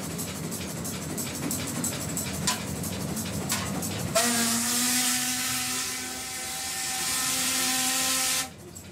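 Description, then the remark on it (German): A coal fire roars steadily in a locomotive firebox with occasional clanks, then swells into a louder, hissing roar with a droning tonal hum before cutting off abruptly. No one speaks. “Oh, man hört es. Laut und sehr warm.”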